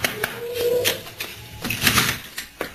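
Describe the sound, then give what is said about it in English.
Several sharp knocks rap on the door of Sancho's house in an uneven rhythm, some single and some clustered, moderately loud, with a faint hum briefly underneath. “Don't I know how to beat on the door?”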